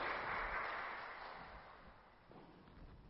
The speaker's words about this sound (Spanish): Muchas felicidades y bendiciones. Un aplauso para ellos. Amén. Felicidades.